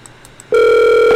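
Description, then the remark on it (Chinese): A few faint, quick electronic beeps, then a loud, steady telephone ringing tone of an outgoing call being dialled takes over and holds unbroken to the end, with no one speaking. “来，我迄个电话来挂挂这边去哈，等我一下哈。”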